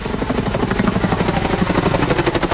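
chinook helicopter flying overhead

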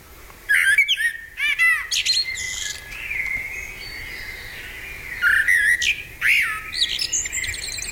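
common blackbird singing

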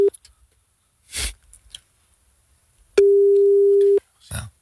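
telephone busy tone

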